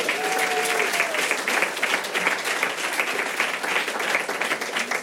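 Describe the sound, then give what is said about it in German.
Steady audience applause at a comedy show for a man at the front fills the whole stretch, a dense crowd of clapping hands at an even loudness, with a brief whistle-like tone near the start. “Einen Applaus für den Mann hier vorne bitte.”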